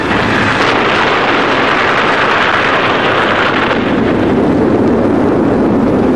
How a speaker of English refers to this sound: Danger signal is given and the bomb is fired. The sound and shock waves roll over the trenches.